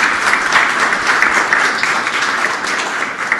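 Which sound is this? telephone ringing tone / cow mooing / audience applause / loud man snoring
audience applause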